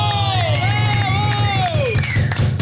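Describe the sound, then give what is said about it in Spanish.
A crowd cheers and applauds loudly for the staff throughout, a dense wash of voices and claps with a shrill, wavering whistle gliding over the top before fading. “Y he ahí los del staff, para los que pido un aplauso fuerte.”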